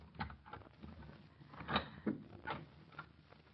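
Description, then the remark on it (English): Footsteps walk down a hallway at a steady, unhurried pace, roughly a dozen muffled steps that are fairly quiet, stopping at a door, with no voices. “Now there are footsteps in the hall. Yeah. And stopping at the door.”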